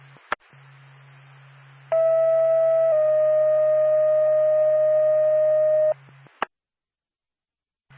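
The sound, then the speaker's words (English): Two-tone radio paging alert from dispatch to Lancaster Ambulance: a steady electronic tone lasts about a second, then steps slightly higher and holds for about three seconds, framed by squelch clicks and a low radio hum. “Nora Pacta Lancaster Hamberlin, stand by for tone.”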